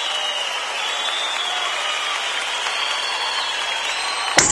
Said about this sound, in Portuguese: Cadê o aplauso